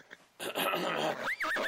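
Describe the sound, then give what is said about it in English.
A loud, harsh horse-like neigh, apparently voiced by a person imitating it, rises abruptly and ends in a wavering, trilling whinny, lasting just over a second. “So the leader of the bandits looked around, and then he told his horse to run away.”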